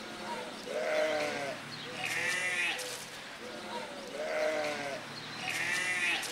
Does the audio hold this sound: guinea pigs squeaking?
yes